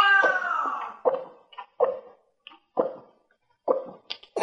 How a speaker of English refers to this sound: July 10th is National Kitten Day. And to celebrate, here's a kitten hacking up a hairball.